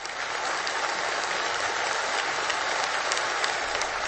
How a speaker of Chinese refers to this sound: 北京人民大会堂的掌声不断，梁家河村党支部会议室同样回响着热烈的掌声。